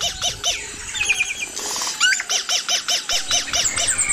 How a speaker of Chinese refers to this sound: 因此，雄鸟的歌声能够吸引雌鸟，还可以震慑其他企图靠近自己领地的雄性。